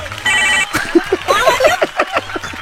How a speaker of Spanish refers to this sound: Y hasta vergüenza me da que suene el teléfono, carnal.